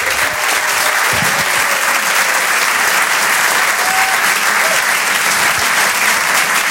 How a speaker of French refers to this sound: Je vous demande de l'encourager, de faire un maximum de bruit, un tonnerre d'applaudissements, s'il vous plaît, pour Reda Siddiqui.